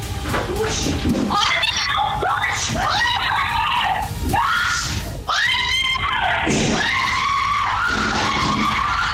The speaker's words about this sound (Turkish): çığlıkları apartmanın dışından bile kameralara yansıyor.